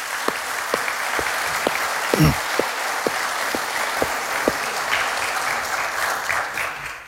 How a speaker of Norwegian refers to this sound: Ellers så vil jeg bare beundre dere som har stått på og ordnet denne møtesalen her. Vi bør gi dem en god klapp hva de har gjort. Utrolig.